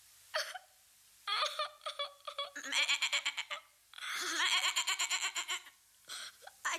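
A goat bleats in several quavering, nasal bursts, each a rapid wobbling run of pulses, with short pauses between and a brief final cry; no voices are heard.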